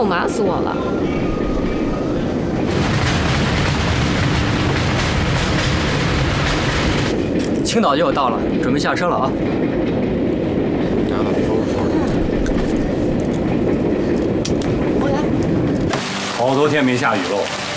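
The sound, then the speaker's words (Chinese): An overnight passenger train approaching Qingdao, China, rumbles steadily along the rails with a dense, continuous low roar and faint rhythmic clatter, with voices speaking occasionally over the noise. “他小姑父坐了一夜火车，累了吧？”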